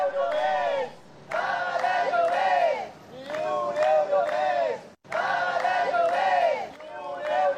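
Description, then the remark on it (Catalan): Protesters called by the Sindicat de Llogateres chant in loud, rhythmic unison while blocking traffic on Avinguda Meridiana in Barcelona, repeating a short slogan in bursts with brief pauses between phrases, many voices overlapping in a strong, steady cadence. “Aquesta és la situació ara mateix a Barcelona, on manifestants convocats pel Sindicat de Llogateres estan tallant la circulació de trànsit a l'Avinguda Meridiana, però també es planteja tallar-la en altres punts.”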